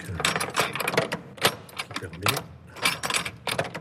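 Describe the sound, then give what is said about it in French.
A bunch of keys, including the key to a cathedral treasury, jingles and clinks in a series of bright, irregular metallic rattles, with sharper bursts every second or so, fairly loud throughout. “Et voilà, la clé du trésor.”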